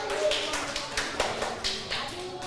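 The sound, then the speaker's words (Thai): A group of children in a maths lesson claps for group 1 in a loose, uneven patter of sharp slaps, with a few louder hits standing out. Faint voices murmur underneath. “อ้าวปรบมือให้กลุ่มที่1หน่อย”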